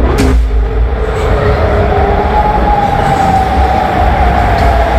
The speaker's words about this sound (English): Air raid sirens sound in Amman, Jordan last night. Jordanian military officials said they had shot down three Iranian missiles with no material damage or casualties.